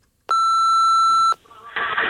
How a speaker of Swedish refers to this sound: Och så här låter det i telefonsvararen.